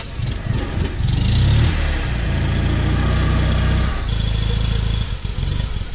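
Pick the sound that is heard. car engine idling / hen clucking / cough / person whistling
car engine idling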